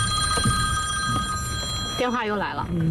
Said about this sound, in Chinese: 电话又来了。